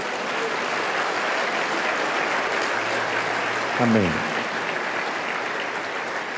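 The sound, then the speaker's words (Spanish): A crowd claps steadily throughout in applause for the Lord, a dense, even wash of applause with no breaks, while one voice briefly calls out over it near the middle. “Dele más aplausos al Señor.”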